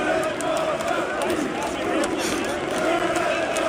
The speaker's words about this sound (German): Und auch die Fans hatten ganz offensichtlich Spaß und haben gesungen. Na, was singen die da?